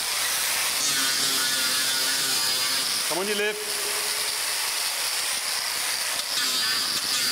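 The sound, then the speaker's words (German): An angle grinder runs nonstop as it files down the sole layer and nails of an elephant's foot during foot care, a loud, harsh high-pitched whine over steady hiss, with a brief spoken remark partway through. “Unangenehm, der Lärm, der Flex, der beißende Geruch, der Sohlenschicht und der Nägel.”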